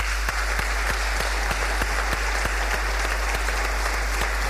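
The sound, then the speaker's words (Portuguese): Steady applause from a crowd at a municipal sports awards ceremony in Gouveia, Portugal, as a prize winner is called to the stage: dense clapping filling the whole stretch at an even, sustained loudness with no voices over it. “Uma salva de palmas.”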